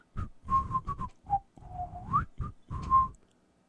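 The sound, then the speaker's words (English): Clear whistling from a turtle in a cage: a quick run of short whistled notes, one long note that slides upward at the end, then a couple more brief tones. No talking. “When the turtle saw little Andre, it began to whistle.”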